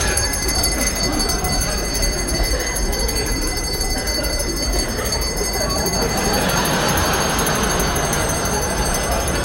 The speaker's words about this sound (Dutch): Toen ik op het station aankwam, was de trein net weg.